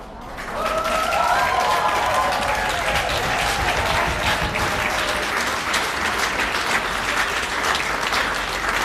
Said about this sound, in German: Ein wunderschöner Applaus hat es da gegeben. Auf dem Petersplatz in Basel sind wir am eidgenössischen Jodlerfest.